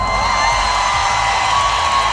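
A crowd of about 100,000 fans at the Rock in Rio festival in Rio de Janeiro, Brazil, roars and cheers continuously, a dense, steady wall of voices with shrill whoops rising above it, loud and sustained throughout.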